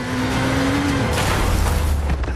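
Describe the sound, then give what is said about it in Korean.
A motorcycle engine hums steadily for about a second, then a sudden loud crash of impact as the speeding motorcycle collides with a passenger car coming from the side in a back alley, followed by low rumbling and scraping noise as the collision settles. “에단은 경찰차가 없는 골목으로 질주하며 뒤를 돌아보다 옆에서 달려오던 승용차와 충돌한다”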